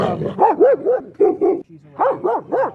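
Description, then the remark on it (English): A dog barks rapidly and insistently, roughly ten sharp, yappy barks in quick runs broken by a brief pause, loud and clear with no voices over them. “Instead of coal, she'd rather be bothered by her menagerie of pets.”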